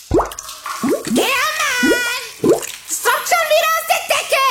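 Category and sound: household object, water dripping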